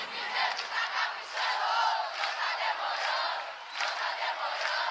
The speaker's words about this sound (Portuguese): Dá várias palmas.